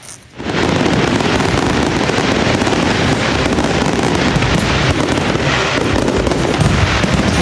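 A dense, continuous barrage of celebratory fireworks bursting loudly at Tsar Asen I square before Tsarevets fortress in Veliko Tarnovo, Bulgaria, closing the 118th anniversary celebrations of Bulgarian independence, with overlapping booms and crackles merging into a steady roar that starts abruptly and holds without pause. No voices can be heard.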